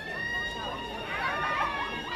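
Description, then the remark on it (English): A dense, continuous roar of many voices cheering together as the Duke and Duchess of Sussex, Harry and Meghan, pull up for their first joint public appearance since moving back to the UK, steady throughout with shifting high-pitched shouts rising and falling within the wash of crowd noise. “I mean, we're hearing the cheers, so I think we can imagine that the couple have just about pulled up.”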